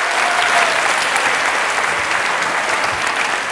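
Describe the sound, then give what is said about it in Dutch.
A crowd claps steadily and loudly throughout, a dense wash of many hands with no pauses, and no one speaking over it. “Klappen.”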